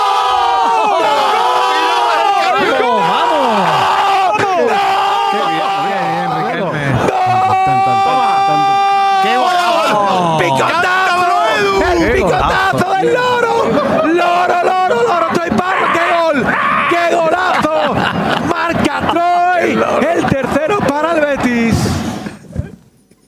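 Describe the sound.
A voice imitates parrot calls to celebrate a Real Betis goal scored by Troy Parrott, squawking and warbling in rapid, bending pitches for about twenty seconds, loud and nearly continuous before breaking off abruptly at the end.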